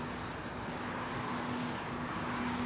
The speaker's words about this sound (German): Warum höre ich da sowas wie eine Autobahn?